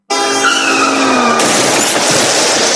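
A car's tires screech in a sustained skid in a road traffic accident, then an abrupt loud crash of impact and shattering glass crackles on to the end, loud with no voices.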